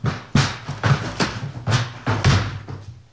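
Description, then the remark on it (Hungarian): Heavy, booming blows strike a locked door about five times in a steady rhythm, each one a loud thud with a rattling crack as someone breaks it down. “Hát várnivalónk pedig nincs. Betörjük!”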